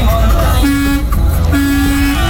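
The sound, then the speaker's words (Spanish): A vehicle horn honks twice, two steady low-pitched blasts, the second one longer, over a constant rumble of road and engine noise. “Sí, se pita, pita, mi pollito.”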